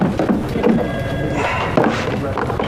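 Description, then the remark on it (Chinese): A wooden drawer, the lower one on the right, slides open and things are rummaged through in search of an invoice, with a few dull knocks and rustling scrapes, while someone talks over the noise. “右边去下面那儿抽屉啊，我看看啊。”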